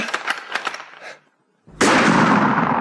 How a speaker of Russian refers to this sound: Стой, надо им подать знак. Жарь, 3 выстрела, прям подряд. Ну-ка, жарь.